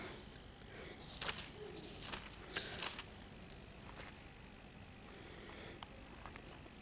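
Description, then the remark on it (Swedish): Thin Bible pages rustle and flip in a handful of quick, irregular bursts as someone looks up the Book of Job, fairly soft, with a quiet low background hum between turns and no one speaking. “Jag är ensam om att bläddra i Bibeln, låter det som.”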